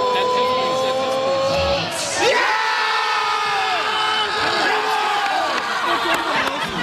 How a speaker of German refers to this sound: Später dann noch so viele weitere Jubel, wie hier beim Elfmeter-Tor von Kai Havertz zum Beispiel.